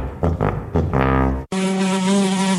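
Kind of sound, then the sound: insect, fly buzzing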